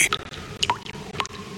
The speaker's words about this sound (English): That drip in your bathroom? Yeah, that's not a relaxing water feature. That's a cry for help.